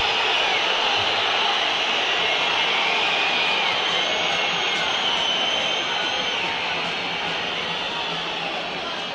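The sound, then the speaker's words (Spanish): A stadium crowd whistles at the River team as it heads to the tunnel after a loss, in a loud, continuous wall of shrill noise that barely changes for several seconds, with no clear voices rising above it. “Es verdad que hoy el partido de River, cuando escuchamos esa lluvia de silbido, mejor hago silencio, que hable la gente.”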